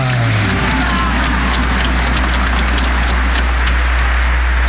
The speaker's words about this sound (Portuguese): Se você está feliz por estar aqui na casa de Nossa Senhora, levanta suas duas mãos para o céu e dê uma salva de palmas bem bonita para Nossa Senhora. Viva a Senhora Aparecida!